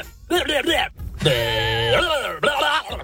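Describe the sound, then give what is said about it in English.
A goat lets out a string of odd, almost human-sounding cries: two short wavering bleats, a long held strained call that drops in pitch, then another quick bleat, loud. “Is it a goat? It is a goat.”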